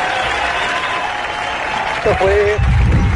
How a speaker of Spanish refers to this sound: ¿Qué crees? Denle un aplauso.